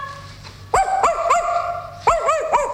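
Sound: dog barking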